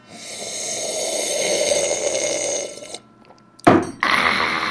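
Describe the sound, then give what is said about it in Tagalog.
A long, noisy slurp of a drink lasting a few seconds, a short pause, then a sharp louder suck and a final burst of airy slurping. No one speaks. “Para kay Dung Patak naman itong higop na ito.”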